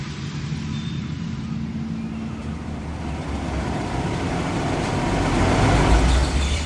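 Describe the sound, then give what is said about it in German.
A car engine rumbles as the vehicle slowly manoeuvres into a parking spot on the car deck of a large ship, a steady low hum that swells a little louder toward the end, with no talking. “Okay, der Wagen steht gut. Ziehen Sie die Handbremse fest an.”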